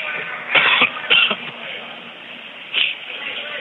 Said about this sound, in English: I don't know why I'm coughing so much these days.